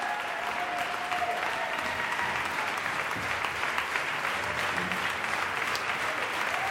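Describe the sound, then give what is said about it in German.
Sustained applause from a large audience for conductor and director Georges Petrou and his orchestra, a dense, steady wash of clapping that continues at an even level without pause, heard from within the crowd. “Und jetzt machen Sie Platz für Georges Petrou, den Dirigenten und Regisseur, der den Jubel der Menge genießen darf. Und jetzt auch seinem Orchester den verdienten Applaus zukommen lässt.”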